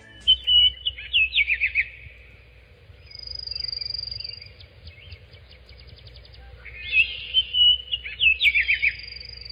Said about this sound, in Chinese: 鸟叫声。 鸟叫声，有一个特定情景下的鸟叫声。什么特定情景？ 特定情境。 嗯，一般什么时候这个鸟才开始叫？ 清晨。 哎，清晨。